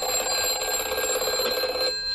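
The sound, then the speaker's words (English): A 1950s telephone bell rings continuously with a rapid metallic trill, loud and steady, then cuts off just before the end. No voices are heard. “Yes, what a phone sounded like in the 1950s, kids.”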